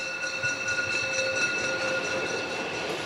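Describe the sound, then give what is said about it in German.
A steam locomotive, one of five standard-type (Einheitslok) engines of the former Deutsche Reichsbahn in service between Kranzahl and Oberwiesental, runs along the narrow-gauge line on a daily local service, giving a steady, loud mechanical rumble with a faint rhythmic pulse and sustained high whining tones above it; no one speaks. “Fünf Exemplare dieses Einheitsloktyps der ehemaligen Deutschen Reichsbahn sind momentan zwischen Kranzahl und Oberwiesental in Betrieb.”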